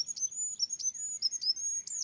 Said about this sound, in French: Je pense aux animaux qui produisent des sons qui peuvent être un peu au seuil de notre perception. Des petits oiseaux comme le roitelet, par exemple.